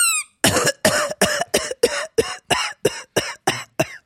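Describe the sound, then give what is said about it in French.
A rapid, steady run of about a dozen loud, harsh coughs, evenly spaced, with no talking in between. “Vous toussez.”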